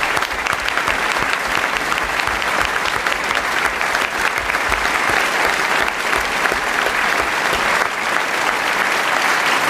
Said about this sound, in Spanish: Gracias, gracias, gracias, gracias por sus aplausos que no terminan nunca.